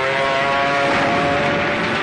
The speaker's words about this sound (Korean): 게다가 며칠 날씨가 맑아서 국민당 공군에게는 더없이 좋은 기회로 됐다. 아침부터 저녁까지 적기 수십 대가 날아다녔다.